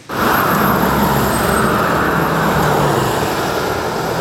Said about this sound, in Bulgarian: Последния работен ден трафикът към Гърция е интензивен. За задръстванията според пътуващите има няколко причини. Заради почивните дни хората отиват на море. Тировете водят всичко това нещо. Самият трафик те го правят. Самите тирове.